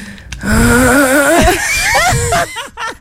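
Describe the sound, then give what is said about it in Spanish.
A voice imitates loud snoring with a long, rough, wavering vocal rattle, then breaks into a few short, choppy bursts near the end. “Hay unos ronquidos que uno dice, Señor Jesucristo, aquí. El crucifijo y el agua bendita. Sí. ¿Cómo es ese ronquido? Ese ronquido es este, es este.”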